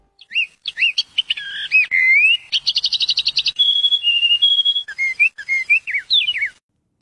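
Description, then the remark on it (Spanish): Birds singing clearly for several seconds in Entre Nubes park in the south of Bogotá, Colombia, with varied whistled phrases, a quick run of repeated trilled notes in the middle, and sliding chirps toward the end. No voices. “Chévere el sonido de los pájaros del parque.”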